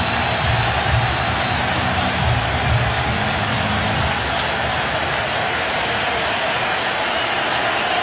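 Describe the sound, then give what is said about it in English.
A steady, dense roar of a baseball stadium crowd cheering during the second inning of a game, with a full count on the batter, a loud unbroken wash of cheering that holds at an even level throughout with no single voice standing out. “He's been sitting in that dugout for a long time, and now here comes the crowd.”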